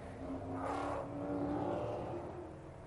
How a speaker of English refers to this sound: So the cars coming round on their opening sighting lap and dropping down that very steep run down from the corkscrew. It is the signature corner here.